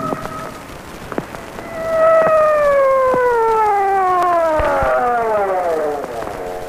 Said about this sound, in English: So why the siren? The only traffic out here is on horseback.